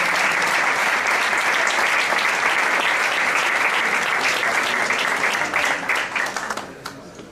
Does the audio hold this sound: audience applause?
yes